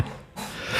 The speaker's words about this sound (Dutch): Gezondheid.